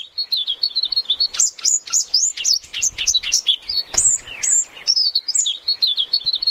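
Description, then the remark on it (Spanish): A single bird chirps in a quick, continuous series of high, bright tweets, clear, with no voices and only a quiet background, on a mountain in the last hours of the day. “Un pájaro, uno solo.”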